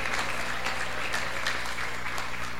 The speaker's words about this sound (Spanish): Aplausos para Jesucristo de Nazaret.